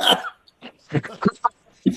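A fit of harsh, sputtering coughs from someone after a sip of water went down the wrong way, about five or six bursts in an uneven rhythm, with brief gasping pauses between them.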